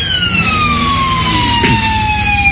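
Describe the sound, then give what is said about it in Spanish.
An ambulance siren of the Mexican Social Security Institute, on an ambulance driven drunk that had hit cars, sounds loud, holding a single long tone that slowly sinks in pitch as it winds down, over a low rumble of engine and traffic noise. “Ahí está el momento donde de plano la ambulancia ya no pudo más con todo lo que había hecho.”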